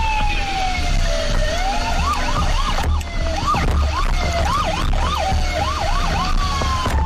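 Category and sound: signal or alarm, fire station alarm siren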